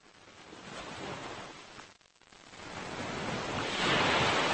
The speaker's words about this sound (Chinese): 对游泳者来说，海浪与礁石碰撞的地方是最危险的水域，而对加州海狮来说，这却是他们的自由王国。